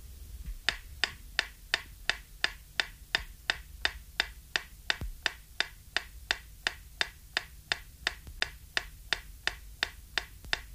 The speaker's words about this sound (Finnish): Seuraavassa kuulette metronomin tikitystä, jonka pitäisi kuulua ainoastaan vasemmanpuoleisesta kaiuttimesta.